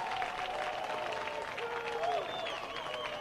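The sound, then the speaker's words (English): At a baseball game, a crowd roars and yells at a steady loud level as runner Tietz breaks during a pickoff attempt, a dense wash of voices with a few higher shouts rising out of it over the whole three seconds. “You could hear everybody yell going.”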